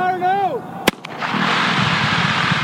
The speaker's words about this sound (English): To install one 6.5 mile pipeline, workmen set off dynamite blasts last week, breaking up rock that was in the way.